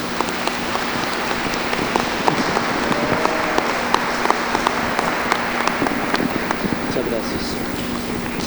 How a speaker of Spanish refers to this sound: Ellos se dan su primer beso como esposos y los felicitamos con un fuerte aplauso.